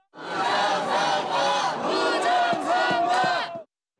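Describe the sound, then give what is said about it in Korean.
A large crowd of protesters holding placards and South Korean and US flags, surrounding a building entrance, shouts a slogan in unison, the massed voices rising and falling in rhythmic bursts for several seconds before cutting off abruptly. “구호를 외치는 사람들 주변에서 일부 유튜버들은 방송에 열을 올리기도 합니다.”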